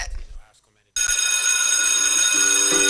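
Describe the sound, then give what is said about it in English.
A brief voice is followed by a short silence, then a loud telephone bell rings steadily and continuously, filling the rest of the moment. “Phone papa! Is he here?”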